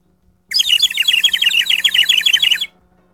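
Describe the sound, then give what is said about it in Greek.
A bird whistle, brought to the speaker by the sales department, trills in a rapid run of warbling chirps for about two seconds, loud, with no one speaking over it. “Σας κελαϊδάω με αυτή την σφυρίχτρα που μου έφερε το εμπορικό τμήμα που πήγε εκδρομή με το καπί για να μην παίρνετε Ζάναξ την ώρα που μιλάω.”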